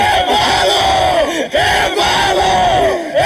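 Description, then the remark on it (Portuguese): A crowd celebrating a Vitória de Sernás football victory and the club's return to Liga 3 roars and chants continuously, loud and dense, with many voices rising and swooping together in wavering, shouted tones and only a brief dip partway through. “Esta é a festa.”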